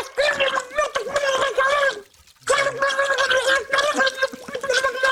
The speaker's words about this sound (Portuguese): mete a cabeça debaixo de água. Pragueja como um estivador a ver a final da taça.